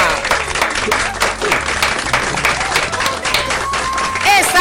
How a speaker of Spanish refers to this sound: Un aplauso apoteósico para ella.